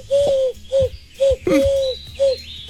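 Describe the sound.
Someone blows into cupped hands to imitate a bird call for the Hitradio FFH radio station: five hollow, breathy hoots in an uneven rhythm, fairly loud, with no talking.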